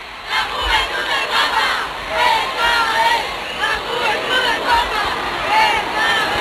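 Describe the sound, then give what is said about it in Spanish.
A dense crowd of faithful filling the streets of central Barcelona cheers and shouts continuously for Pope Leo XIV, a loud roar of many voices with rising whoops and calls, sustained throughout with no single voice standing out. “A esta hora, las calles del centro de Barcelona rebosan de fieles que dan su calor al Papa León XIV. Este es el sonido en directo.”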